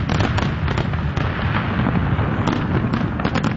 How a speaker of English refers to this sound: And thousands of people gathering along the waterfront to watch the night sky over the Detroit River light up during the annual Ford Fireworks.